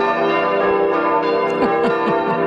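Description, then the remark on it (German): Church bells ringing in a full, loud peal, their overlapping tones sustained throughout, with fresh strikes sounding in quick succession toward the end. They are played on the Salzburg radio morning show Guten Morgen Salzburg as a service for Maria Olm, which still has no bells. No voices. “Die haben ja immer noch keine Glocken.”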